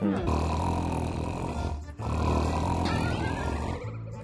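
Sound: pet snoring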